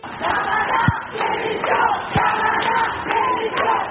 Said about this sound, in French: Et ici différents chants sont repris par la foule notamment.